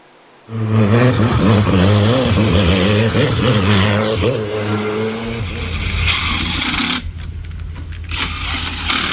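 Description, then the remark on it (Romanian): Loud race car engines rev hard at a hill-climb speed competition on the Transalpina road at the Rânca resort in Gorj. Their pitch rises and falls in strong harmonic waves, then settles into a steady roar with sharp bursts, continuous with no talking. “În stațiunea Rânca din Gorj, motoarele turate și mirosul de cauciuc încins au acoperit liniștea muntelui.”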